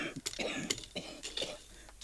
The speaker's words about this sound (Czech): Zatrápený kašel.